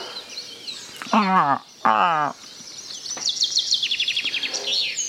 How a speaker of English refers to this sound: Ooh, is that Mr. Chaffinch? Is it Mr. Chaffinch over there on the right? Having a quick chirp, thinking about flying south for the winter? Maybe.